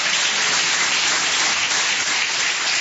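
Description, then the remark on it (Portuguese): A church audience claps steadily throughout to give glory, a dense, loud wash of many hands blending into an even crackle with no pauses and no voices. “Quem tem essa paz pode bater mais palmas, dar glórias.”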